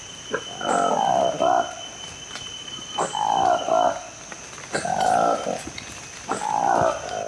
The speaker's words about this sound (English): Conservationists have shared the voice of a newly discovered monkey in the Democratic Republic of Congo.